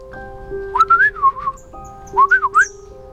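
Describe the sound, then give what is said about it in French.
A person whistles two short, warbling phrases in a bird's language, imitating birdsong, clear, with a brief pause between them over a faint sustained background tone. “Lily, qui connaissait son langage, se mit alors à siffler.”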